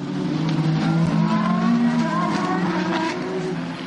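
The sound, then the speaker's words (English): Racing cars scream past at full speed as the race goes green after a safety car, Will Stevens leading, a loud, continuous blend of high-revving engine whines whose pitch shifts slightly as they go by, easing a little at the end. No one speaks. “Slightly delayed message, we're going green right now, and there they go past me to my right shoulder.”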